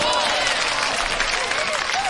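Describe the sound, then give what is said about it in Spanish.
A burst of applause fills the whole moment, dense and steady, with many hands clapping at once and faint voices mixed in beneath the noise, given as a salute to a gardener called El Pollo. “Un saludo, un aplauso para El Pollo, hombre.”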